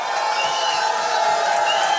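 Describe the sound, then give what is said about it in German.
A packed crowd, filling every seat at the Vital Hotel in Bad Radkersburg, cheers and whoops in a steady, loud roar, many voices blending into a continuous wash of excited noise with no single speaker standing out. “Und wie ist die Stimmung, Freunde, im Vital Hotel?”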